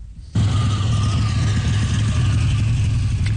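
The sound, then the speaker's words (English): A classic car engine starts up and idles with a steady, deep, loud rumble, holding an even throaty pulse for a few seconds with no voices. “Coffee shop and fast food parking lots right across this country fill up this time of year with classic and collector cars, from 1920s models to modern dream machines, all restored, polished, and surrounded by proud owners.”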